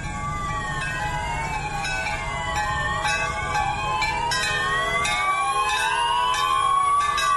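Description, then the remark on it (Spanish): Several emergency sirens and whistles wail and sweep up and down, overlapping loudly and steadily, while church bells ring out repeated strikes underneath, sounding at 7:34 in Cali as a tribute to the victims of an earthquake; no one speaks. “Así se escucharon estas campanas y estas sirenas.”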